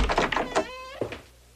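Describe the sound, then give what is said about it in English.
A door creaks open with a short rising squeal, then shuts with a single dull thunk, with a soft shuffle of movement just before. “Yes, just go through the door.”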